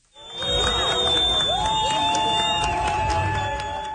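A large crowd of soccer fans in Vancouver cheers and shouts continuously as the Turkish national team's bus arrives before a FIFA World Cup match, a dense roar of voices with a sustained high whistle or horn tone cutting through the din.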